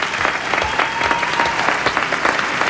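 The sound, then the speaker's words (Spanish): An audience claps steadily for author Rafa Berrocal and the voice actors of an adapted story, a dense wash of many hands with scattered sharper individual claps, sustained at an even loudness throughout with no voices on top. “Pido un aplauso para Rafa Berrocal y también para los actores que han dado voz a este cuento.”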